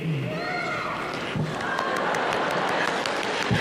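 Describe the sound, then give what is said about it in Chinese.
A crowd applauds steadily with dense, crackling claps, mixed with scattered cheers and shouts rising over the noise for several seconds. “观众的声音都响了。”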